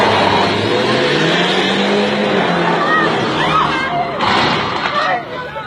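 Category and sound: vehicle, car engine accelerating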